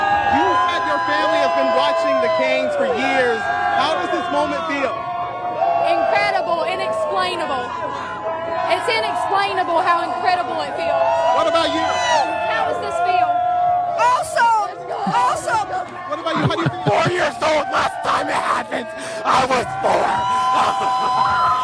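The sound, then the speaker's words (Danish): A loud, dense crowd of Carolina Hurricanes ice hockey fans in North Carolina cheers and shouts continuously, celebrating the team's Stanley Cup win, with overlapping yells, whoops and screams rising in bursts for about twenty seconds, raucous. “Og derfor så var der jo altså også rigtig glade fans i North Carolina i nat.”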